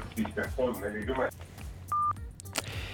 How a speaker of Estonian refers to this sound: Nii, jälle katkes kõne ära.